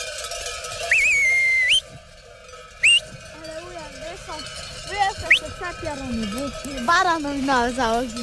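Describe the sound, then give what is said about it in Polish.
A livestock bell hung on a ram rings steadily in the background, its tone sustained throughout, while sharp rising whistles and warbling, sliding vocal sounds come and go over it. “No to baranowi ładnie mi dzwonek, a bez guniusty. Się nie stracił.”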